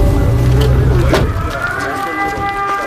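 An air raid siren's steady, sustained wail holds over a low engine rumble that fades after the first second, leaving the siren's tone droning on.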